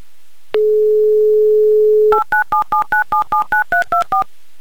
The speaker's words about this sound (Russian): Так, номер мы набрали. Будем ожидать соединения.